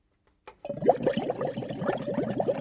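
Green water gushes and churns steadily through a closely monitored pipe system in the algae lab of Hochschule Anhalt, a continuous rush with bubbling, gurgling pulses and a faint low hum underneath, starting abruptly after a brief moment of silence.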